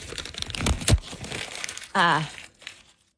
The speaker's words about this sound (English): Oh, crumpling of the sheet. Tossing. Oh, then there's ripping going on.